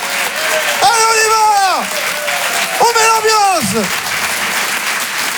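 Steady, dense applause from the audience at the Rire et Chanson Comedy Club fills the whole clip, with two loud, drawn-out shouted cheers rising over the clapping partway through, as a comedian is welcomed to the stage.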